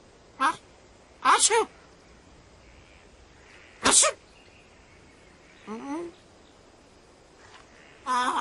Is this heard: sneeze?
yes